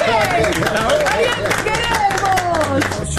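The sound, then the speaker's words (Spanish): A studio audience applauds the announced number one place with loud, dense clapping throughout, mixed with overlapping voices calling out and cheering. “Hay que aplaudirlo antes que no le hay que aplaudir.”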